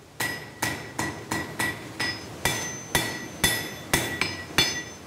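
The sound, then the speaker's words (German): A blacksmith's hammer strikes an anvil on a stone base in a forge dug into the rock in the Val di Rabi, about a dozen times in a steady, even rhythm, each blow loud with a bright metallic ring. No one speaks. “Und so sind viele Sockel, auf denen die verschiedenen Werkzeuge wie Ambosse, Schmiedehammer oder Schleifstein stehen, vollständig aus Stein.”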